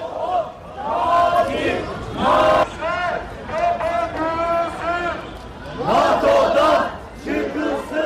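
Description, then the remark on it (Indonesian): A protest crowd in Turkey, including Ankara, chants loudly in unison against NATO, demanding Turkey leave the alliance and foreign military bases close. Many voices rise and fall in repeated rhythmic phrases with brief pauses between, steady and forceful throughout. “Para pengunjuk rasa mendesak Turki untuk segera keluar dari aliansi tersebut dan menuntut penutupan pangkalan militer asing di Turki di saat Ankara bersiap menjadi tuan rumah KTT NATO pada tanggal 7 dan 8 Juli.”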